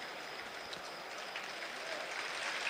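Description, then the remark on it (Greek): A stadium crowd at a football match applauds the Greek national team players in a dense, steady wash of clapping that holds at an even, moderate loudness throughout, with no voices standing out above it. “Το χειροκρότημα για τους Έλληνες διεθνείς”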